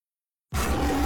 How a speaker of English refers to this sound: Make sure you got 3 R's in that roar